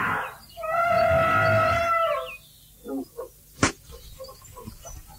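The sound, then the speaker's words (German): A mighty elephant in the jungle gives a loud, brassy trumpet that blares for about a second and a half, followed by a few soft knocks and a single sharp crack in an otherwise quiet scene. “Auf einem mächtigen Elefanten.”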